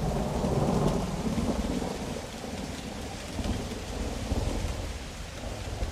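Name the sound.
rain with thunder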